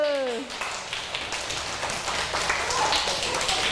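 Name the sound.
children clapping hands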